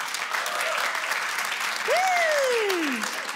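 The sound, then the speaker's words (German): Steady applause from a sizeable audience, dense and even, as dog owners in the audience clap when asked, with a single falling whistle rising briefly above the clapping near the end. “Sind Hundebesitzer hier vor Ort? Mal klatschen.”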